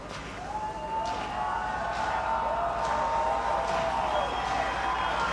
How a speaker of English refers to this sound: Another energetic crowd at the Wolf. Trying to cheer Candiotti to the win.